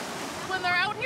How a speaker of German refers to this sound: In der Brandung ist das ganz anders als im Pool.